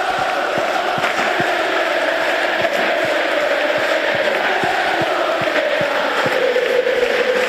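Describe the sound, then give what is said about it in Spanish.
A large stadium crowd of Racing supporters chants together in a steady, droning roar, including shouts of "Quédate" for Pello Canales and Gustavo Puerta, with rhythmic claps or drum thuds punctuating it at regular intervals throughout. “Hubo cánticos para todos, pero especialmente significativos fueron los gritos de Quédate para Pello Canales y Gustavo Puerta.”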